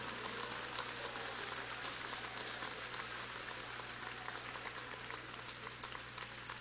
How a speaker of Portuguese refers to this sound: Aleluia, pode aplaudir, não tem problema.